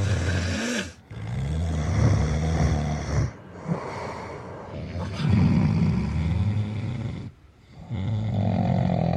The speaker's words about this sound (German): Heroische Schnarcher übertönen leicht die mäßig und schweren und sollten daher nur in effektgeladenen Nächten kombiniert werden.